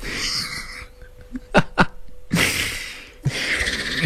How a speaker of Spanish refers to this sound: ay, estoy respirando fatal. Y no te sirvió para nada el ventolín que te dejaron tampoco, ¿no?